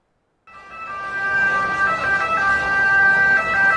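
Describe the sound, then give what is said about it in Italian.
An ambulance siren wails steadily and loudly from an ambulance stuck in traffic in the Vomero district of Naples, over a dense wash of street and engine noise. It starts abruptly and holds for a few seconds without any talking. “Dopo il caso di un'ambulanza bloccata nel traffico del Vomero, fine settimana di controlli nelle zone della Movida partenopea.”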